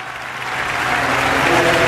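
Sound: thunderous applause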